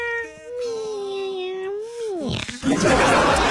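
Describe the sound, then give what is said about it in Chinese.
A kitten that has just crawled out of a delivered box holding a cat bed, in Zhejiang, China, gives one long, drawn-out meow, clear, its pitch sagging at the end, followed by a short burst of rough, noisy sound. “那这个猫窝到货之后呢，她打开箱子一看，从里边爬出来一只小猫，喵喵喵。”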